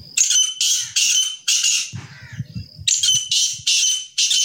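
Grey partridges bred in the municipality of Mojmirovce near Nitra, Slovakia, give loud, harsh rasping calls in quick repeated bursts, with a brief pause midway filled by low rustling thumps before the grating calls resume.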